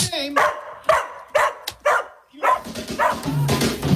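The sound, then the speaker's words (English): A dog barks four times in a quick, evenly spaced series, fairly loud, then breaks into a busier stretch of yappy, whining vocal sounds. “So good your dog will ask for it by name.”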